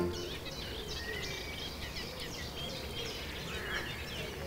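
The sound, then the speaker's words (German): Several songbirds, including a nightingale, a warbler and a chiffchaff, sing at once on the Mettnau peninsula on Lake Constance, Germany: a dense chorus of high chirps, trills and whistled phrases layered over a steady low rumble of background noise, with no talking. “Im Hintergrund hinter Ihnen ist eine Nachtigall, hier ist eine Münzgrasmücke, da ist ein Zilpzalp, ja, ein bisschen aber weiter.”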